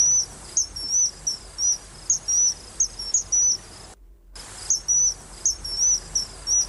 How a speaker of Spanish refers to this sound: No tienes ni que meterte en el barro para ver muchísima cantidad de aves que pasan volando, que pasan por debajo del puente, que... Claro, para verlas o para escucharlas, como por ejemplo a este Martín Pescador.